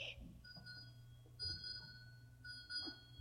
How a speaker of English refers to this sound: Six bells.